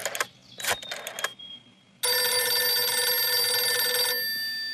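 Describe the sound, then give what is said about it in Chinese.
A few quick clicks and clatters, then a telephone rings loud and close in one continuous bright burst of about two seconds before cutting off, with no voices. “薛成业说完，马上示意李接人把电话打给侯静茹。”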